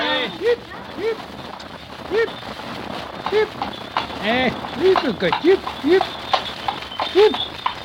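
A horse's hooves clip-clop at a steady, even trot, moderately loud. The horse draws the milkman's light two-wheeled cart, driven by Monsieur Dufour. The cart has a roof on four iron posts, with its curtains raised. Some indistinct background noise sits beneath.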